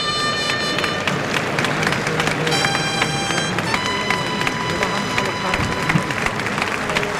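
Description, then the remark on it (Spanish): At a bullring, a large crowd gives a loud, sustained ovation for the bullfighter Espartaco and the picador, dense clapping and cheering filling the whole stretch, with steady high tonal notes ringing out above the applause. “Mira la ovación que se lleva Espartaco, claro, Picador.”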